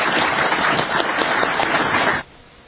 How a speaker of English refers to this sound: And thanks to a great audience coming out in midsummer. Let's hold tight in your seats, if you can, for a couple minutes while the Congresswoman leaves so she can get to her next meeting. But please join me in a round of applause for a great event.